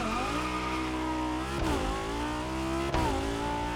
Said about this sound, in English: We have a sound specific for the engine and a sound for the exhaust with a proper spatialization.